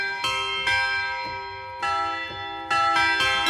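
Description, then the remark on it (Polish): Tubular bells struck again and again in a loose, unhurried pattern, each bright metallic clang ringing on with a long shimmering sustain that overlaps the next. Clear, with no voices. “Dzwony rurowe.”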